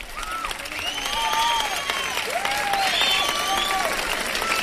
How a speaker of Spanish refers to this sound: Y gracias a los colegios Nuestra Señora del Castillo de Chillón. Aplausos.